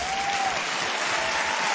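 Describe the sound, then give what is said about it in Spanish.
Steady audience applause fills the space, a dense wash of many hands clapping at even loudness throughout, with no voices standing out. “Hey, si va a aplaudir, aplauda bien.”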